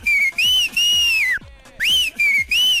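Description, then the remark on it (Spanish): Two loud, shrill whistles sound in quick succession, each a long piercing blast broken by brief stutters, with a short pause between them and no voices. “Oye, mi chula, ponle unos dos chiflidios al motomá porque yo creo que se quedó sin gasolina, ya no dio señales de vida.”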